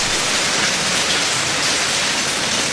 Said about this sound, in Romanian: Dar ploaia nu se lăsă.